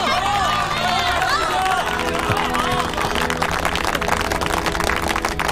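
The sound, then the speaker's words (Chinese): A large crowd breaks into sustained, dense, warm clapping to welcome a hero, mixed with cheering and excited voices, steady and loud throughout, with the clapping growing sharper and busier toward the end. “他是我们心中的大英雄，中国人的大英雄，我们要用热烈的掌声欢迎大英雄。”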